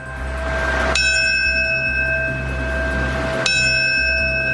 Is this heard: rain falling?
no